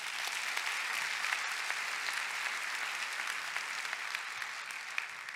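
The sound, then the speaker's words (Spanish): An audience applauds steadily for Christ at a pastor's call, a dense, even wash of many hands clapping at a constant moderate level for several seconds, with no voices standing out. “Dar un aplauso a Cristo.”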